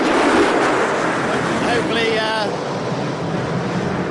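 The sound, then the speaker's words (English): A steady, loud roar of aircraft in the secondary flyover at a motor race passing overhead fills the whole clip, with a brief wavering high whine partway through. “That was the secondary flyover.”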